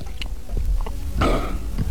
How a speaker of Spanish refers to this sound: Tragar saliva, a ver cómo es el sonido de tragar saliva de este hombre.